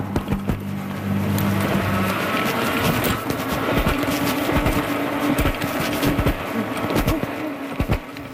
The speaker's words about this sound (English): The sound of a cyclist taking off on their e-bike, and e-bikes are becoming more common sight on streets across New Brunswick.